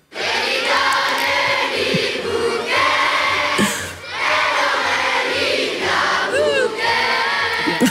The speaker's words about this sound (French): vous faire entendre donc ce qui se passait hier midi sur la place, encore une fois la place d'Armes à Namur, avec toute cette jeunesse représentée, ces 700 élèves d'école namuroise qui reprennent les biabouquets en chœur.